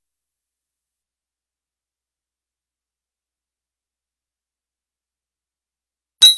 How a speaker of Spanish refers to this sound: Unamos los vasos y hagamos un brindis con mamá, con papá, con el chato, con la peque, con los causas de la vida, con los amigos de la cuadra.